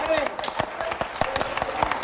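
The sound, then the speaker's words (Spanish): An audience applauds for God, a steady patter of many hands clapping at once, with voices calling out over it throughout. “Un aplauso para ese Dios.”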